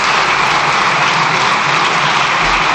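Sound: parliament deputies applauding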